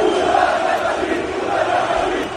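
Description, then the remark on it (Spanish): A large crowd of fans welcoming the Barça team bus chants and roars, partly against Real Madrid, amid smoke, in a steady, unbroken wall of voices, loud throughout with no clear pauses or single speaker standing out. “Vale, porque todo esto que están escuchando es el momento del recibimiento al autobús del Barça.”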